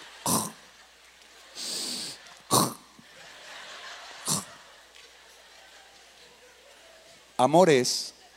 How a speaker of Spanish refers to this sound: Y está roncando, pero es un ronquido muy fino, muy selecto.